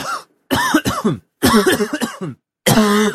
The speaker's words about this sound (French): Classique. Ça, c'est la toux qui est sèche.